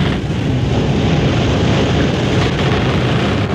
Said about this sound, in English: the creak of the rigging, listen to the wind whip the sails.